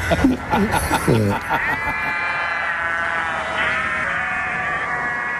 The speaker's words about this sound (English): There we are. I always like those sheep. They sound pretty good, don't they?